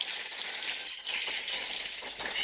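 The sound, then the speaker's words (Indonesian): An audience applauds at the final of Bintang Radio 2026 at RRI Manokwari, in a dense, continuous wash of clapping that holds at a fairly even level for a couple of seconds, with no voices over it. “Boleh saya minta kita kasih tepuk tangan yang paling meriah.”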